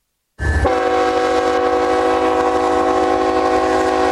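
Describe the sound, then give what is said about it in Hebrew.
A loud train horn blasts in one long, steady chord, held unbroken for several seconds over the low rumble of the moving Trump Train, which brought the US president to North Dakota in 2026. “השנה היא 2026 וזו רכבת הטראמפ טריין.”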